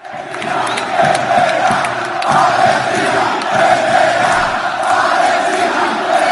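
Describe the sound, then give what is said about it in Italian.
A large crowd of Rayo Vallecano football fans chants in unison in their home stadium after a semifinal win over Strasbourg, repeating «Palestina vincerà», the loud rhythmic voices swelling and repeating steadily, with a dense roar of many people throughout. “Al termine della semifinale casalinga contro lo Strasburgo, i tifosi del Rayo Vallecano, i Bucaneros, hanno scelto di festeggiare la vittoria con una bandiera palestinese stesa sul prato e con un coro che ha ripetuto «Palestina vincerà».”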